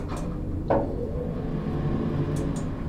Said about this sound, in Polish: Winda się otwiera. Wychodzimy z windy.